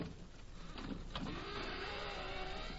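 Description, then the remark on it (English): A key scrapes and rattles in a door lock, with a couple of sharp metallic clicks as it turns to unlock the door, followed by a steady grinding, whirring scrape. No voices are heard. “Well, I'll try this key here. This one ought to do it.”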